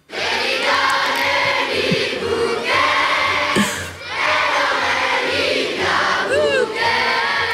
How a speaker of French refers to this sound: vous faire entendre donc ce qui se passait hier midi sur la place, encore une fois la place d'Armes à Namur, avec toute cette jeunesse représentée, ces 700 élèves d'école namuroise qui reprennent Libia Bouquet en chœur.